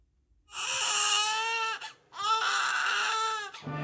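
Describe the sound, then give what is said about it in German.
A newborn baby's first cry: two long, loud wails, each high-pitched and strained with a bright harmonic tone, separated by a brief gasp for breath. “Der erste Schrei, das erste Lächeln.”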